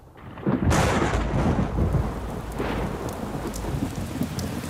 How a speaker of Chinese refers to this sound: 小姐，下雨了，快回房吧。